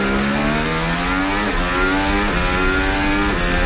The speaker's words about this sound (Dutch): Juist, dit is het onboordgeluid vanaf de auto van Verstappen... die het duidelijk beter doet dan gisteren.